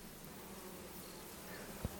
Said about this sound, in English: And then there's the bees.